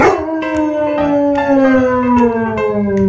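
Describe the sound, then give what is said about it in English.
An 8-week-old Bernese Mountain Dog puppy howls in one long, sustained wail, its pitch drifting slowly downward over a few seconds, with faint clicks in the background and no one talking. “Because if you missed it, my family and I, last week, we picked up a 8-week-old Bernese Mountain Dog puppy.”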